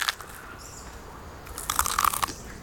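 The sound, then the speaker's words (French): Crunchy chewing of eucalyptus leaves by a koala: soft intermittent munching at first, then a louder flurry of rapid crunches before it eases off. No one speaks. “Les koalas mangent les feuilles d'eucalyptus.”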